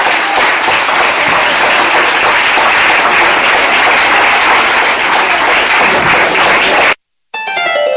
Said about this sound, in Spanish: Y la iglesia del Señor dice: denle fuerte, pero fuerte aplauso al Señor en esta hora.